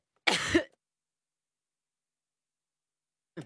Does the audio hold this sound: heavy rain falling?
no